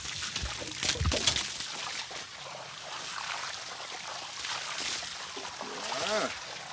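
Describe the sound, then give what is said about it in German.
Water pours and sloshes in a steady, hissing stream, with a few brief splashy bursts and some faint voice-like sounds mixed in toward the end. “Ah, der Wasser.”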